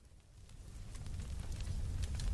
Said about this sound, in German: Lagerfeuer? Richtig. Hätten das die anderen auch gewusst? Ja. Ja, irgendwas mit Feuer auf jeden Fall.